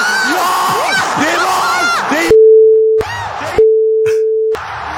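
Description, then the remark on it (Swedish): A roaring, shouting football crowd at Strawberry Arena, cheering a goal against Poland, is abruptly cut by two loud, steady censor bleeps, each lasting under a second, with the cheering returning between and after them. “Vem är det vi bipar här?”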